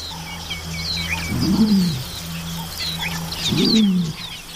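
A large hawk chick about nine weeks old, nearly the size of an adult, gives two low, rasping calls about two seconds apart, fairly loud, while small birds chirp and twitter faintly in the background.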